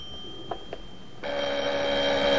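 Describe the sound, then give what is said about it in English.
A couple of soft footsteps in a small hallway of a suite, then a telephone in the lounge starts ringing with a bright, steady electronic trill that continues loudly to the end, with no one speaking. “He steps into his little hallway as the phone rings in the lounge.”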